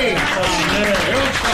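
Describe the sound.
A loud, steady wash of audience applause fills the whole moment, with cheering voices mixed into the dense clapping.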